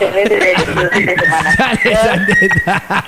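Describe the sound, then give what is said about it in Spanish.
A bird chirps loudly and persistently, its bright calls running over a man talking, with clucking, fowl-like notes mixed into the busy sound. “¡Cállate, ese pájaro!”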